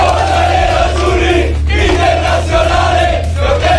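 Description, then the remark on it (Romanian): Inter footballers, coached by Cristi Chivu, sing and chant together loudly in the locker room, celebrating the club's 21st league title. A dense, continuous wall of male voices with a couple of brief dips before surging again. “Fotbaliștii antrenați de Cristi Chivu au cântat în vestiar.”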